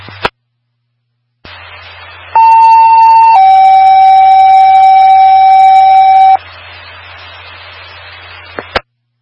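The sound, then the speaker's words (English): Alert tones from a test of a countywide paging system, station WPQB 869: a steady high tone for about a second, then a slightly lower tone held for three seconds, over a low hum and hiss of radio static with squelch bursts. “Disregard the tones and reset your monitors.”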